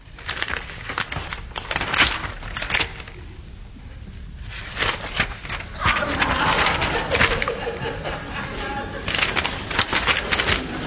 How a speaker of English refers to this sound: Yes, it was a very quiet year. Nothing was heard but the song of a bird.